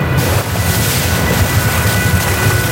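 Water gushes steadily onto the ground from a hose pulled out of a pipe, about 200 litres per minute, spraying in all directions: a loud, continuous roaring splash with a rumbling low end, filling the whole stretch without pause. No voices are heard.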